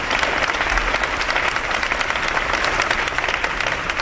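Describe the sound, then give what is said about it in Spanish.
Sustained, dense applause from a crowd, many hands clapping steadily at a constant loud level for the full four seconds, with no voices standing out. It is the ovation ending a minute of silence held by Más Madrid and PSOE deputies in the outer atrium of the parliament chamber. “Sí, en el minuto de silencio que una representación de diputados de Más Madrid y PSOE, ausencia de PP y Vox, han guardado en el atrio exterior de esta Cámara y que ha terminado con esta ovación.”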